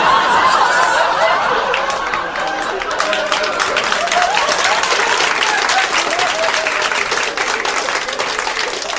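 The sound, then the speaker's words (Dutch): A large audience breaks into sustained, loud applause, dense clapping for several seconds, with a bit of laughter and crowd murmur mixed in. “Je klapt toch niet van de honger, hè?”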